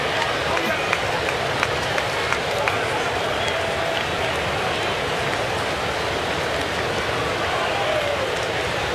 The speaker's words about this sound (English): A lot of folks scurrying for cover. I think it's a very refreshing rain, 80 degrees.